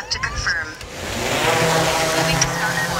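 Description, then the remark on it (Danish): An agricultural drone, used with artificial intelligence to locate weeds on farm fields for targeted spraying, buzzes steadily with a high, whining hum that wavers slightly in pitch and holds at a fairly even loudness for a few seconds over a low rumble. “Den her summende lyd kan være en god nyhed for vores drikkevand.”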